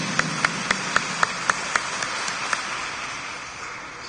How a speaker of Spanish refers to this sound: Demos palmas a Cristo Jesús. Fuerte, fuerte.